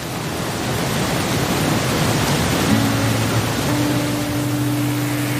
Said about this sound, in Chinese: 只有山里才这么安静，能听到水声、风声、鸟声。